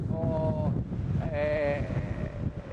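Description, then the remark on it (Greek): Strong wind, forecast to keep blowing all night, roars and buffets the microphone in a continuous low rumble, with two brief high wavering cries rising over it in the background. “Κρίθηκε σκόπιμο, ενώ ακούτε και τον αέρα, τι γίνεται με τον αέρα που φυσάει, που συνεχίζει να φυσάει και θα φυσάει όλη τη νύχτα με βάση τις προβλέψεις των μετεωρολόγων.”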